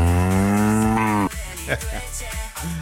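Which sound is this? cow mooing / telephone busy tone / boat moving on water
cow mooing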